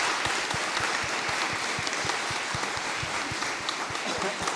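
A church audience at Mass applauds its catechists steadily, a dense wash of many hands clapping at an even level throughout, with no voices standing out above it.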